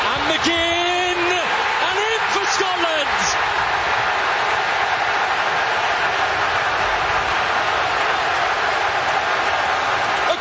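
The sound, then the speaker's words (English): A huge stadium crowd roars and cheers at a soccer match in Foxborough as Scotland goes 1-0 up over Haiti, a loud, dense wall of sound throughout, with a voice shouting over it during the first few seconds. “Listen three to that crowd.”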